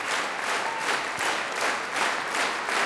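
Sustained applause from a large concert audience after a performance of Kullervo conducted by Esa-Pekka, with dense overlapping claps that reverberate at a steady volume and no voices standing out.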